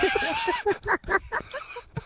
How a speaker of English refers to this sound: Yeah, probably is a kookaburra doing that.